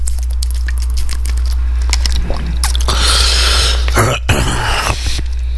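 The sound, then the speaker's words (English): Sounds of someone drinking water from a plastic bottle: soft crinkles and sloshing, then a few wet gulps and swallows over several seconds, with a low steady hum underneath. “I do have a... half a water down here. Maybe I better take some.”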